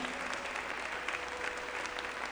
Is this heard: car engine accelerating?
no